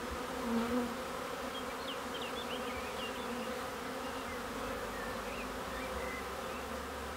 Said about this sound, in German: Für seine Bienen erschafft er solche Wohlfühloasen, Behausungen, in denen sie auf ganz natürliche Art ihre Waben bauen können.